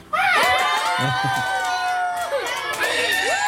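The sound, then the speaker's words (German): A class of children shout and scream together on a count of three in a loud, sustained burst, with high voices rising and falling over several seconds, while scattered claps and stomps thump underneath. “Und jetzt dürfen einmal alle ganz laut sein, damit man hört, wie viele ihr seid.”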